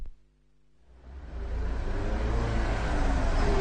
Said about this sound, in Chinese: 这是1938年的深秋时节，两辆民用卡车在秦岭大山中疾驰。这条修建不久的战备公路越山临河，地形异常复杂。